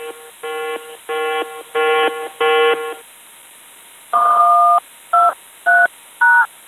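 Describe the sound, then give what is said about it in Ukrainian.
An electronic drone-danger alert tone signalling a yellow-level drone threat: five evenly spaced buzzy beeps, then after a pause a longer two-pitch tone followed by three short two-note blips. No voices. “Дронова небезпека.”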